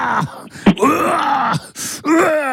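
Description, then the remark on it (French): Loud, strained shouting while doing sport: a string of drawn-out, groaning cries that rise and fall in pitch, broken by brief gasps between them, with no ordinary speech. “Alors, souvent, avec moi, je fais du sport, attention, c'est, on entend crier très fort.”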